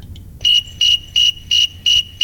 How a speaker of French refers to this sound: il a même nommé grillon thermomètre, c'est pas moi qui l'ai nommé comme ça, il est nommé comme ça par le sens commun. Et on peut entendre ce qu'il produit à 24,8 degrés, c'est un grillon qu'on trouve notamment en Amérique du Nord.